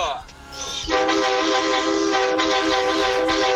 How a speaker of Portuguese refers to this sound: Nossa, que buzina feia, velho. Buzina feia, hein?